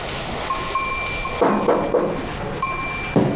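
Several dull knocks on a home's door by a visiting uncle who has a key, in an uneven pattern, a quick group of three followed by two more spaced apart, over a steady humming background with no one speaking.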